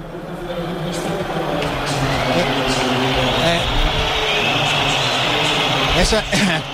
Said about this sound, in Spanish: Esa pitada que escuchan ustedes es porque llevaba un rato la afición del Depor cantando invasión.